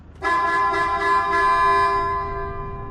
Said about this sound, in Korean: 방금 또 그 빵빵 소리 다섯 번 들었어요.